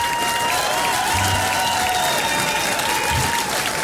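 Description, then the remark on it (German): A crowd claps steadily, a dense, even wash of applause with no pauses, while a high tone hums faintly underneath throughout. “Applaus.”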